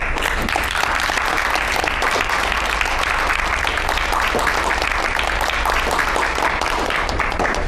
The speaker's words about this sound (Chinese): 那这是个不小的成绩啊。我提议下面我们用热烈的掌声来祝贺陶无忌成家园。